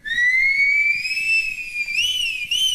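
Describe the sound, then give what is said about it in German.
A person whistles with the lips one long, loud, steady note that slowly climbs in pitch, then bends quickly up and down twice near the end, with no talking. “Ich kann pfeifen, ich kann pfeifen.”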